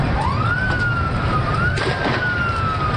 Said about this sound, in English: The sound of police breaking up a crowd Sunday night. They originally gathered to celebrate Lionel Messi's last game, but things got ugly when authorities went to break up the gathering, some whipping stones and other objects at police, who responded